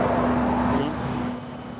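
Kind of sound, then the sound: vehicle, road traffic noise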